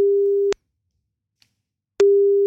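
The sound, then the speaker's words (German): A steady, mid-pitched telephone ringing tone sounds while a call connects: one beep, a silent pause of about a second and a half, then the tone starts again. It is clear, with no voices. “Sobald er rangeht, laufen deine 30 Sekunden.”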